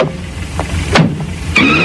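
car driving

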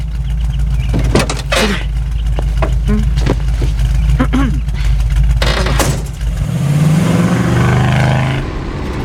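car driving

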